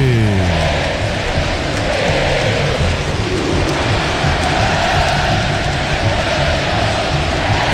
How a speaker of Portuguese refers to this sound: A torcida do São Paulo canta o hino, ouça a torcida que conduz a Band News FM.